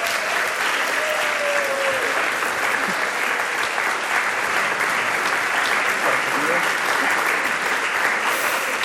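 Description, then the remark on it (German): Sustained audience applause for the guests of a talk round on Pentecost weekend, a dense steady wash of many hands clapping at an even loudness for about nine seconds, with a few faint voices or whoops mixed into the crowd. “Und ich finde, ihr dürft für unsere Gäste einmal einen großen Applaus dalassen.”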